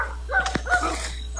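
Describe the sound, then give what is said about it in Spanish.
Two short, yelping barks from dogs belonging to a storehouse, guarding small cabins, sounding about half a second apart, with a faint low hum underneath and a brief click between them. “Oye, ¿y en esa cabaña ahí no hay gente o esos perros de quién son? Los perros son de la bodega.”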